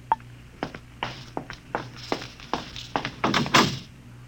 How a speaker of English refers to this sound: Oh, there's my door signal.